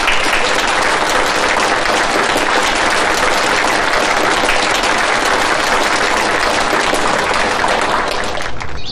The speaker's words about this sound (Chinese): 下面呢，我们用热烈的掌声请出